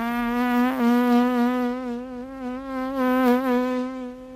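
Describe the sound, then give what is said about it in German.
A fly buzzes steadily for several seconds, its droning hum wavering slightly in pitch and loudness as it moves, one of the sounds of the opening sequence of a Sergio Leone western. No voices or other sounds. “Das Summen einer Fliege.”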